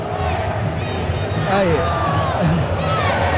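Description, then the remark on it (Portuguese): A large crowd of football fans in a stadium shouts a chant together at a player, a dense, loud mass of overlapping voices that holds steady for the whole few seconds with a few louder individual cries rising above it. “Aí olha aqui pra... o grito!”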